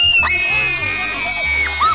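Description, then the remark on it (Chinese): Several people scream loudly and continuously inside a scream room, shrill overlapping voices sustained for about two seconds with brief pitch swoops and no spoken words. “尖叫屋”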